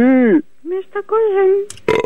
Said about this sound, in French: Ah, mais il rote seulement, il pète pas.